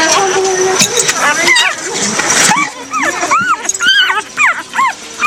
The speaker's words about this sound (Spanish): al interior se encuentra su perrita con sus cachorros